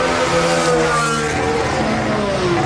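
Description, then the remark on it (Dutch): A loud, high-revving race car engine roars continuously, its pitch shifting as Max's car downshifts at high revs to keep pulling toward the Bus Stop corner, with no voices over it. “En Max heeft er dus voor gekozen om daar dus terug te schakelen. Misschien met meer toeren, dat de motor dus beter blijft trekken naar die busstop toe.”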